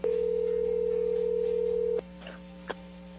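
A telephone ringing tone of an incoming call sounds as one steady, mid-pitched beep lasting about two seconds, then cuts off, leaving a low electrical hum and a faint click on the line.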